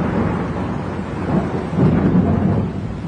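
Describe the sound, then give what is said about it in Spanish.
Low, continuous thunder rumbles through a storm, swelling louder midway with a broad, heavy roar and a faint hiss of rain beneath it. “A pesar de los truenos, Víctor escuchó los gritos de auxilio”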